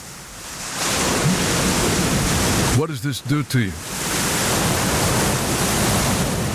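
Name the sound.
pink noise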